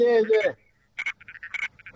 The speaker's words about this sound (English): Sorry, of that was the sunset frog just chiming in.